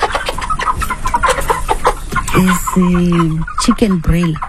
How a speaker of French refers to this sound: Ce sont des poulets de chair. J'en ai de 2 catégories, 50 petits et 60 gros. Au total, j'ai 110 poulets.